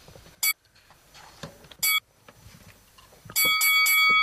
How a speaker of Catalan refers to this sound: S'ha enganxat una mica aquí, sí, la campaneta, eh?